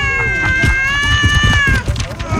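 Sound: cats meowing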